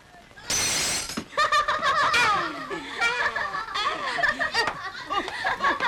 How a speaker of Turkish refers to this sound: camı kırdı.